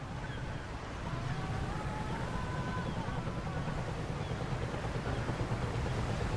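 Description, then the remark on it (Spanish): A rusty fishing trawler, the Angela Mas Rose, rocks with the waves on a vast ocean: a steady low engine rumble and the constant wash of waves, with faint creaking tones drifting above. No one speaks. “Es un barco oxidado y pesquero de arrastre y se mece al ritmo de las olas.”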